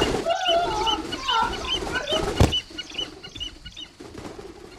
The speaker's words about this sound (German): Ich dressiere ihn. Er ist intelligent. Gehorcht insgesamt 11 verschiedenen Befehlen. Interessant. Na, dann wollen wir dem Vogel mal die Haube abnehmen.